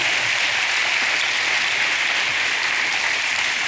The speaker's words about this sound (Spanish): Denle un aplauso